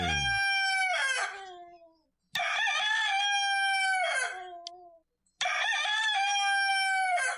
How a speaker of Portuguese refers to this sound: E o galinho do amigo Tizil cantou.